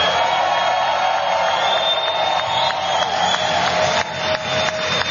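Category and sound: crowd, loud round of applause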